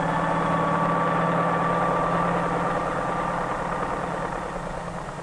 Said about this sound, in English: Flying over city traffic, the helicopter can land directly on the roof of the post office itself, in a fraction of the time needed by mail trucks, thus greatly speeding the delivery of mail.